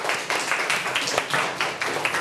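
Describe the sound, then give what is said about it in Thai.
A classroom bursts into applause for student group 5, many hands clapping in a dense, steady patter that holds at an even, moderately loud level for a couple of seconds, with no one speaking. “โอเคขอเสียงปรบมือให้กลุ่มที่5ครับ”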